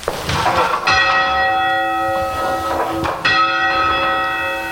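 A single church bell, the lightest or number one bell, strikes twice to signal to competition judges that the team's test piece is about to start. Each loud clang is followed by a long shimmering ring that decays slowly, with no talking.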